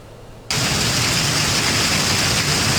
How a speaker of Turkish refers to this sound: Sağanak sele dönüştü, cadde ve sokaklarda su birikintisi oluştu. Yurdun doğusunda kuvvetli yağış hayatı olumsuz etkiledi.